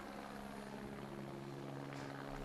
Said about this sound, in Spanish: No muy lejos de aquí, esta base militar se ha convertido en el centro neurálgico de la operación de búsqueda y rescate. Los helicópteros aterrizan y despegan cada pocos minutos, trayendo de regreso a los que estaban desaparecidos y a los fallecidos.